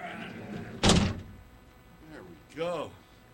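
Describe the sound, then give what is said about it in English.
A heavy door slams shut with a single loud, booming thud against a low background hum, followed a moment later by a short vocal sound. “Big-ass door, right here.”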